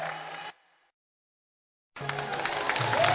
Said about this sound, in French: Merci, merci, merci, merci. Merci. Vos applaudissements me disent beaucoup de choses.